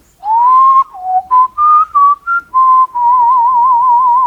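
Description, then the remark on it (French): A person whistles a birdlike melody imitating a nightingale's song: a long held note, a run of short chirpy phrases, then a sustained warbling trill, loud with no talking. “Ça, c'est la mélodie du rossignol.”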